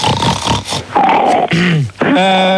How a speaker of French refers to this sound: Voilà, mais c'est qui là qui renifle comme un bouc là ?